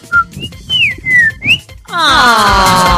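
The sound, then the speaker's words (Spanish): A person whistles a bird-like call as a greeting: several short, gliding high notes rising and falling, followed by a louder, richer warbling trill that sweeps downward and continues to the end. No one speaks. “Yo la saludo con un pajarito.”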